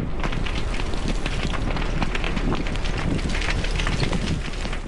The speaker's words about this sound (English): Fast-moving flames beside Westside Road, the wind howling and pushing the fire dangerously close to properties.